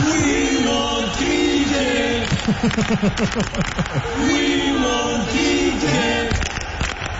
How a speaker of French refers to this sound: Les partisans, ils veulent juste avoir ça, le cricket. On écoute la foule.